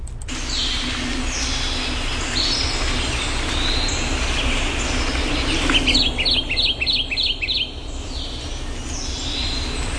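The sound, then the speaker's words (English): A Kentucky Warbler, a small, colorful songbird, sings its rolling, repetitive song, a quick series of about six identical two-part phrases, over a steady low rumble of background noise. “Let's listen to its repetitive song here, the Kentucky Warbler.”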